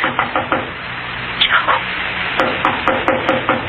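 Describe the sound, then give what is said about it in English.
Someone knocks on a door in repeated bursts: a quick run of three or four raps, a short pause, then a longer series of firm, evenly spaced knocks. No voices. “I'll see who it is.”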